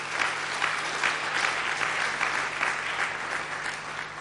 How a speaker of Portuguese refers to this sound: e os titios e as titias, deputadas e deputados, aprovaram esta lei, por isso quero pedir uma grande salva de palmas para eles e elas.